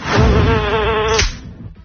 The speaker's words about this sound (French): Vous l'avez entendu? Ouais. Pourquoi? C'est un moustique. C'est une mouche. Une mouche, ouais.